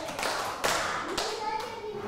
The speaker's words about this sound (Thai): ป.1ปรบมือแบบพี่ประถม2ครั้ง